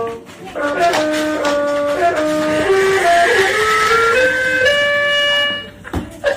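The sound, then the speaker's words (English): Loud, droning notes from a butt organ with little round plastic keys, played by a dog dragging its butt across it, pile up in clumsy, overlapping chords that shift pitch unevenly for several seconds, like keys being mashed at random, before cutting off with a soft thump. “Anyway, here's what a butt sounds like playing the butt organ.”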